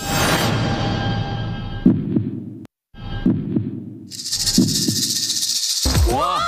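A cat purring in a low, steady, rhythmic rumble that pulses continuously, with a brief gap partway, then a hissing noise over it and a short voice at the end.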